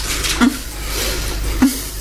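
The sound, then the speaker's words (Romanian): Two sharp clinks of dishes or pots, spaced about a second apart, over a steady low background hum, as someone washes the dishes. No one speaks. “La ora asta speli tu vasele?”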